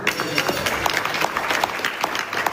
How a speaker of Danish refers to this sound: Der bliver klappet af en aftale, der ifølge blandt andre Pakistan, der har været mægler i konflikten, straks vil løfte blokaden i Hormuzstrædet, så olie igen kommer til at kunne strømme frit.